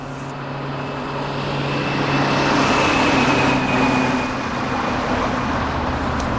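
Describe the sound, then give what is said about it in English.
A steady wash of street traffic noise played over a sound system, engines rumbling and a broad roar rising slightly midway, like cars passing on a busy street, heard continuously with no voices. “Why do they keep feeding street noises into the sound system? We haven't had street traffic in 3 generations.”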